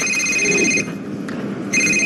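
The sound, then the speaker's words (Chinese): A telephone rings with an incoming call from a father-in-law, in two bright, trilling bursts with a short pause between them, fairly loud against a low background hum. “哟，岳父打电话来了，赶紧跟他老人家解释一下。”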